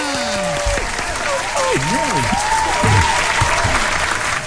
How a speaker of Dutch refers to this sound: Stop het applaus.